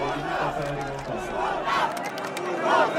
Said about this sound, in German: In Hannover löst die Einwechslung von Denis Undav den größten Jubel in der zweiten Halbzeit aus.